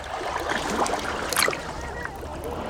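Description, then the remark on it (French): Gentle sea waves lap and swish steadily around a person floating in the sea, with a few soft splashes rising briefly in the middle, fairly quiet, with no voices. “Et tu peux te laisser bercer par les vagues. Oh. Et regarder le ciel. Écouter la mer.”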